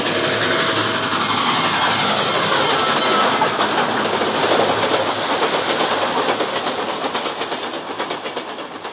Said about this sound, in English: Then, dimly, I can make out an approaching roar. Another train heading right for me.